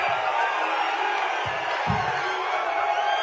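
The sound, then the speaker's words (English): A large crowd at a rally for President Trump roars with sustained cheering and scattered whoops, a dense wall of excited voices filling the space continuously, with a couple of low thumps near the middle. “But, you see these people in the crowd. They seem pretty excited to see them.”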